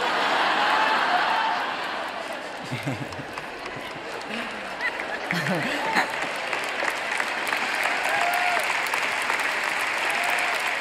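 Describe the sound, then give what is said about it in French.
An audience breaks into steady applause, a dense wash of clapping that holds at a fairly even level throughout, with a few indistinct voices mixed in underneath. “Ça ne mérite pas des applaudissements, n'est-ce pas?”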